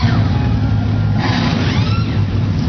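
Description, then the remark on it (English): A dense, loud rumble of 36 NASCAR Craftsman Truck Series race trucks starting up on the pit lane at Dover Motor Speedway, idling and revving together, a steady low roar with rising and falling whines layered over it, no voices. “36 NASCAR Craftsman Truck Series trucks come to life on the pit lane.”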